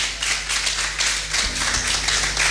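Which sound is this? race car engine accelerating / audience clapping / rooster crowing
audience clapping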